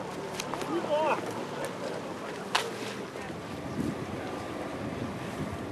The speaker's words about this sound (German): Sie halfen als kleinen Ersatz der Marco Polo, um das Floß auf der Elbe auszubremsen. Gemeinsam mit unseren beiden Außenbordmotoren.